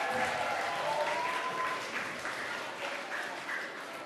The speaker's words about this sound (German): Einen kräftigen Applaus für die Goldzeichen.